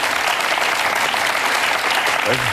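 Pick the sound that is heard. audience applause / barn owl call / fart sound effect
audience applause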